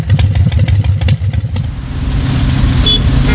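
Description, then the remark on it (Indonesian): A motorbike engine being warmed up idles and rumbles, with a rattly, uneven clatter for the first second and a half before settling into a steady low drone. “Biar mesinnya top chair, Pak. Agak. Yang ada habisin minyak tuh, hai. Udah bising, tambah boros lagi.”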